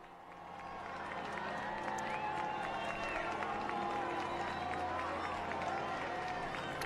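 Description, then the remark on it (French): A large crowd cheers and claps continuously for Pope Leo as he walks among them greeting people, with a dense mix of shouting voices over scattered applause. The noise swells in the first second, then holds steady and loud. “Que c'est beau de voir le pape au milieu de cette foule.”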